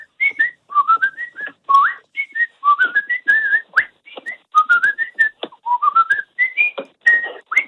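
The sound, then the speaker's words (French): A person whistles a high, bright soprano melody in quick rising phrases separated by short breaths, loud and clear for several seconds with no talking. “Je vous fais un soprano.”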